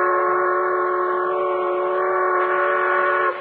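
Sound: steam train whistle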